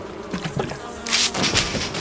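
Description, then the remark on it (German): A dense swarm of bees from an overturned beehive buzzes loudly, a continuous droning hum that swells and grows harsher partway through, with no voices present. “Aber ein Bienenstock ist umgekippt worden und drei Gestalten zertrampeln Waben und Brut.”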